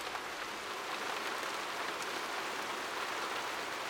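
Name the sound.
raindrops falling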